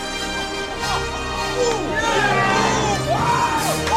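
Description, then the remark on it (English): A crowd of classmates and teachers, young and adult voices, cheers loudly and continuously, with overlapping whoops and excited shouts rising and falling throughout, lively. “classmates and teachers cheer.”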